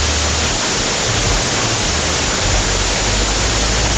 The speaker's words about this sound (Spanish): En este momento en Sillán tiran el agua con balde. Escuchen.